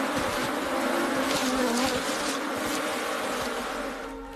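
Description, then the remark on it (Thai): A dense, continuous drone of countless honeybees buzzing together as the swarm fights hard against a bear stealing honeycomb from their hive, loud and holding steady before thinning slightly at the end; no voices. “การจู่โจมของฝูงผึ้งหนักเกินไปสำหรับลูกหมีแต่อันตรายครั้งใหญ่กำลังใกล้เข้ามาแม่หมีนั่นเองฝูงผึ้งได้ต่อสู้อย่างหนักหน่วงจนแม่หมีมีเวลาขโมยรวงผึ้งไปได้แค่ชิ้นเดียว”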